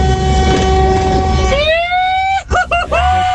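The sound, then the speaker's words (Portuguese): Loud truck air horn blasting as part of a honking protest: a long sustained tone, then a few short quick honks, with engine rumble underneath. “Os caras aderiram ao nosso buzinaço, gente.”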